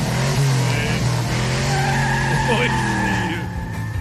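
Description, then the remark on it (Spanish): A car engine revs hard as the driver accelerates roughly while tires squeal and skid, a loud sustained screech with rising engine tones lasting several seconds. “Sí, también el carro es que lo aceleré muy gacho.”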